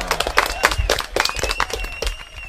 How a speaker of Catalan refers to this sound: Tajo, correcte. Fort aplaudiment.